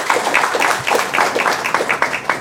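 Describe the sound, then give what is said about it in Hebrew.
An audience bursts into steady applause for two women who came from the Krayot, many hands clapping in a dense, continuous patter, with no voices over it. “הגיעו מהקריות, כן, מחיאות כפיים היום, כן?”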